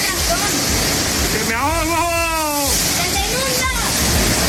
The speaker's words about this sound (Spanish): cuando cae, cuando llueve y de qué manera.